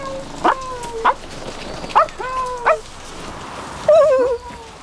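A dog gives four short, sharp barks spaced about a second apart, moderately loud, then finishes with a brief wavering whine. No one speaks.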